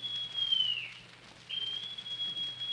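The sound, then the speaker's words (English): A shrill, steady whistle, brought out by Long John Silver, blows two long blasts separated by a short break, with a hiss of background noise underneath and no talking. “Then Silver brought out a whistle.”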